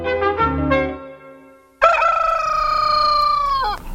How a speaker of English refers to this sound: It was about 4 o'clock next morning. Cockerels had begun to crow.